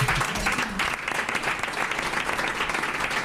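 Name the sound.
applause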